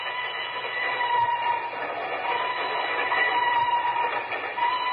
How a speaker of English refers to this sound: A time near midnight. A place, Nigeria, West Africa. Two men stand on the swaying observation platform of a train which winds its way across a yawning chasm between two mountains.